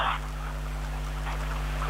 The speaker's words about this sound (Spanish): La huerta de Mataquito, está que llueve con balde. Por eso. Oiga, toda la noche ha llovido